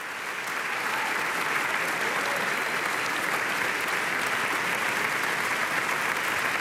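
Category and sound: crowd, concert audience applause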